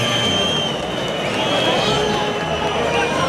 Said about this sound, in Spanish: Que sí se lleva los pitos es el toro, ¿eh? Se lleva una pitada el toro sobrero monumental.